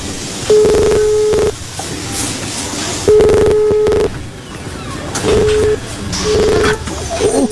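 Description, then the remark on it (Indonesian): Repeated steady electronic tones from a mobile phone call sound in evenly spaced bursts as the call to family fails to get through, heard clearly over a faint busy background. “Coba aku hubungi mereka.”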